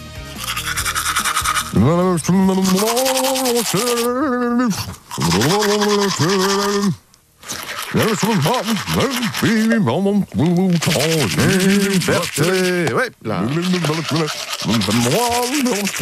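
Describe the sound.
A man sings a warbling, garbled melody in the shower while brushing his teeth, the scratchy scrubbing of the toothbrush running under his voice almost continuously, with only a few brief pauses.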